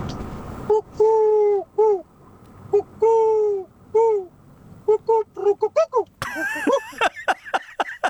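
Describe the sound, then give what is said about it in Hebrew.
Soft, rounded cooing calls of a dove repeat in a steady sequence of short hoots with brief pauses, clear, then a busier burst of higher warbling chatter takes over near the end. “עכשיו 5:10, פותחים שעה שנייה של תוכנית הערב, ועושים את זה יחד עם קולות היונה, מה שנקרא קולות של שלום כאן בשידור.”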